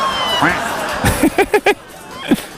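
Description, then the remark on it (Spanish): A police siren gives four quick, evenly spaced blips of the same pitch, loud and tonal, over a background of crowd murmur and people talking. “Ah, no, es la alarma de los Pacos aquí.”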